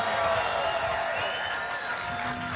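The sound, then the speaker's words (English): A crowd applauds The Current and Surly for hosting them that day, a dense wash of clapping mixed with scattered cheers and murmuring voices, holding at an even loudness throughout. “And hey, can we get a big round of applause for The Current and Surly for having us today?”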